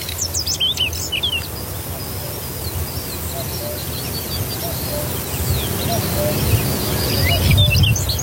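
A dawn chorus of whinchat, quail, skylark and cuckoo in the Vochtelauerveen: scattered chirps, trills and call notes from the birds over a steady outdoor rumble, with no voices.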